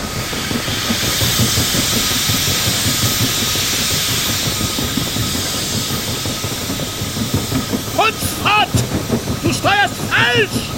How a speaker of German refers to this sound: Der Nebel hatte den Ozean gleichsam stillgelegt. In diesem Schweigen hatte das Röcheln des Dampfers etwas Beunruhigendes und Klagendes.